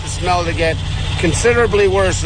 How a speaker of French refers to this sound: La sauce, un mélange de poisson et de sel en décomposition depuis 2 décennies, est combinée avec de la tourbe pour qu'elle soit plus facile à manipuler et à transporter. Elle est ensuite aspirée par des camions équipés de tuyaux géants.